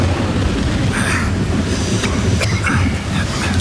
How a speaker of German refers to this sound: Verdammter Regen!